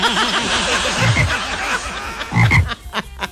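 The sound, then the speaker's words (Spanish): A frog croaks loudly in a rapid, rhythmic series of throaty pulses, with two heavier, deeper croaks standing out partway through. “Yo no sé si una rana... O un rano, dijo el otro.”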